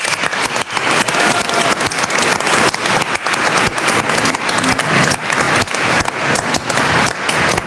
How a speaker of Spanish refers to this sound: Un aplauso a la Virgencita.